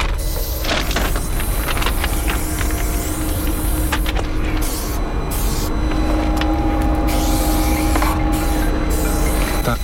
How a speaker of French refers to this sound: Il arrive en voiture, le sécu. Ah, c'est lui là-bas, tout au bout.